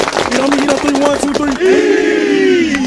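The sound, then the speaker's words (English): The Kings Mountain High School football team claps together in a quick, steady rhythm while voices chant along, then the clapping gives way to one long, loud group shout. “Everybody clap it up.”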